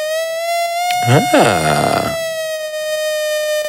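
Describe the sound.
A bright, buzzy synthesizer sawtooth tone holds one steady pitch for nearly four seconds, with a short burst of voice-like sweeping sound rising and falling over it partway through.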